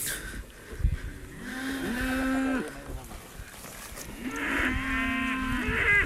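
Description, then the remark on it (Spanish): A fighting-breed cow, five or more years old, moos twice at close range while eating feed given by the rancher almost by hand from a sack, two long, loud, drawn-out lowing calls separated by a short pause, with no voices and only faint outdoor background. “Tenemos la vaca justamente al lado. Estamos justo al lado de la vaca. Está comiendo.”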